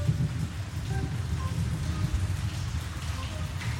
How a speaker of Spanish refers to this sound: Acá se llueve desde anoche, por suerte, y no ha dado tregua a los calores.